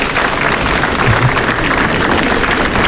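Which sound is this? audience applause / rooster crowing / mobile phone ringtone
audience applause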